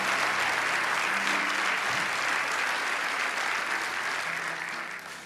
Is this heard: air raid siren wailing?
no